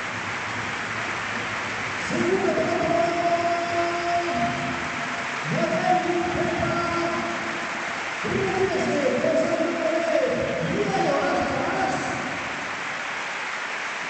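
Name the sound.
stadium crowd applauding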